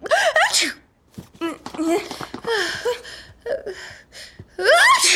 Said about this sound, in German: Gesundheit!